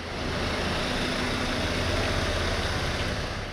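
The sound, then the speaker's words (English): A steady, low engine rumble of trucks idles continuously throughout at a furniture factory at 6:30 in the morning, where trucks arrive to pick up furniture, with a broad noisy hum and faint tonal drone; no one speaks. “Every morning at 6:30, trucks from all over the country arrive to pick up the furniture made here.”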